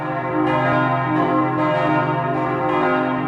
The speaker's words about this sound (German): Das glockenkundige Ohr hört, das Geläut hat Optimierungsbedarf. Die Klöppel werden gekürzt.